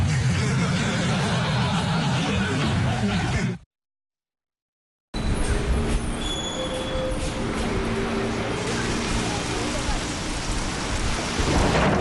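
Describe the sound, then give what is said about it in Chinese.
Steady, heavy rain pours down in a loud, continuous hiss with a deep low rumble beneath it, broken once by a short stretch of silence before the downpour resumes. “阿木，快点儿，下雨了，咱们打车吧。”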